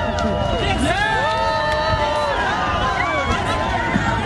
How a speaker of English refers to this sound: Toronto's annual Pride Parade was underway today, drawing crowds of partygoers as the city simultaneously basks in World Cup excitement. Now here's some of the crowd cheering as Prime Minister Mark Carney shook hands with people watching the parade.